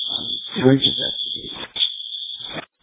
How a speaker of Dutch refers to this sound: Dispatch, clear all the companies. Looks like a child pulled the alarm.